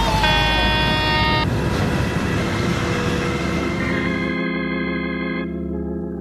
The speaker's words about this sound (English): Hey, stop. Stop the truck. He's not stopping. He's going to hit us.